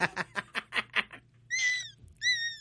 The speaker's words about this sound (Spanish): ese maullido de tu mascota